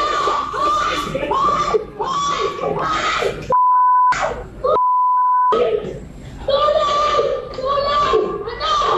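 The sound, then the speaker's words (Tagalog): A 14-year-old girl screams and shouts frantically amid a scuffle with an NBI agent at an apartel, her voice loud, broken up twice by steady censor bleeps in the middle. “Pero nang makitang marked money lang o peke ang ilan sa hawak na pera, doon na siya nagwala at nagsisigaw.”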